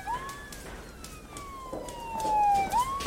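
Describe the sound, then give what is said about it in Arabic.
A police car siren wails steadily, its tone sliding slowly downward before sweeping back up near the end, moderately loud over faint street noise, with no one talking. “قلت لك هي شرطة مو اسعاف.”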